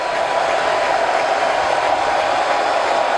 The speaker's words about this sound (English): Everyone standing with two strikes on Harper. Kerr steps off the rubber, having a difficult time hearing his own pitchcom device. He'll get the pitch, and now the crowd will rev it back up again.